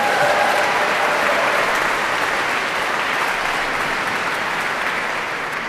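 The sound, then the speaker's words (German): A large audience in the sold-out Nikolaikirche in Rostock, Mecklenburg-Vorpommern, claps steadily for an encore at a concert, a dense, continuous wash of applause that holds at a fairly loud, even level for several seconds with no voices over it. “Wenn Sie so klatschen, haben wir natürlich noch eine allerletzte Zugabe.”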